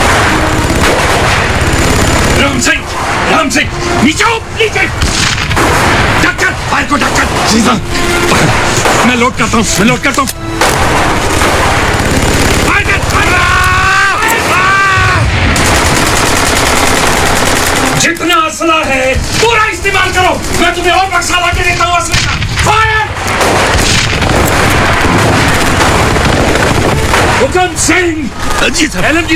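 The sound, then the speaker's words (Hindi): Dense, loud battle gunfire with rapid shots and machine-gun bursts, mixed with booming blasts, depicting heavy firing by Chinese soldiers on Indian Army posts in the Rezang La valley. Voices are heard talking or shouting over the constant roar of combat. “Major Shaitan Singh बारी बारी से दोनों चौकियों में चीनी सैनिकों की भीषण गोलीबारी के बीच बिना सुरक्षा के भाग भाग कर जाते और बचे हुए सिपाहियों का हौसला बढ़ाते।”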